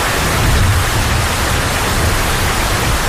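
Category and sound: nature, torrential rain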